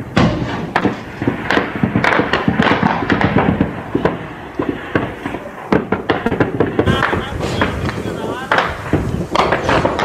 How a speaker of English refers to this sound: Here comes the gunfire. You're watching a fighter climb up the mountain. He's literally going to go over the top here to take this south base.